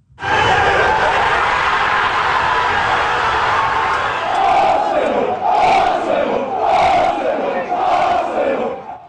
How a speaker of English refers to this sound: Crowds lit flares and led chants in the streets of North London as Arsenal clinched its 14th English title overall.